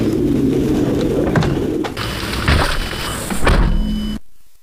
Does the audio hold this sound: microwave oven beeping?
no